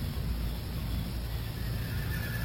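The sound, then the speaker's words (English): A staked-out dun stallion whinnies faintly, the call thin beneath a steady low rumble of outdoor background noise, with no one speaking. “I think that's my dun stallion.”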